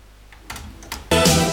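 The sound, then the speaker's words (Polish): Two sharp mechanical clicks from cassette deck buttons, fairly loud, followed by a louder clunk as the tape mechanism engages and a sustained tonal sound starts up, as the first track of a cassette is started for playback. “Może włączmy jeszcze ten pierwszy utwór, spróbuję już Państwu pokazać na przykładzie akurat już tej kasety, jaka była tego idea powtarzania i tego memory stop.”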